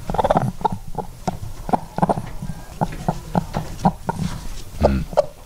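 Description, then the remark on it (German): A hen clucks repeatedly in short, choppy bursts at a steady, slightly uneven pace, close and fairly loud, with no talking over it. “Klingt wie so ein Huhn.”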